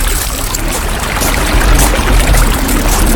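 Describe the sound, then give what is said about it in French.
Steady rushing river water flows continuously, a broad, loud wash with bubbling and trickling detail, with no voices. “Ferme les yeux et imagine-toi marcher le long d'une rivière.”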